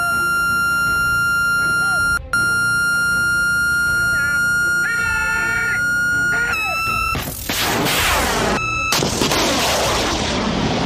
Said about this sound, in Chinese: 听到这个蜂鸣声，就是我们的射手已经开始锁定目标了。